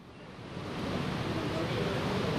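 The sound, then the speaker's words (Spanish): Heavy rain pours outdoors as a steady, dense hiss with no breaks, building slightly in volume over a couple of seconds. “se oye el agua”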